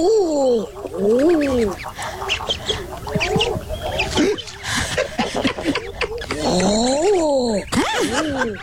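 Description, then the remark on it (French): Common eider ducks calling in a chorus of repeated crooning, rising-and-falling coos, several overlapping birds with a steady background of other calls. “On écoute le canard Eder à duvet.”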